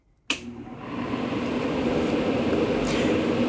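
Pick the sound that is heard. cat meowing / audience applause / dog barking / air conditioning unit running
air conditioning unit running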